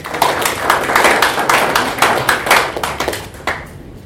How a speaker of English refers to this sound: So we can clap for them.